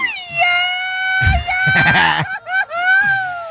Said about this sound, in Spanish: Señor productor, échate un grito por ahí.